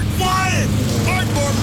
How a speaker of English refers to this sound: Engines roaring!